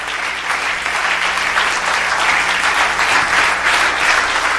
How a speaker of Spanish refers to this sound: Dale un aplauso a Cristo, que él se lo merece.